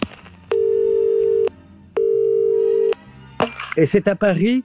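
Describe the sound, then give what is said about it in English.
A telephone ringback tone sounds twice, each a steady one-second beep separated by a short pause, loud and clear, before a voice starts talking over a background hum. “And that's when he gets an interesting phone call.”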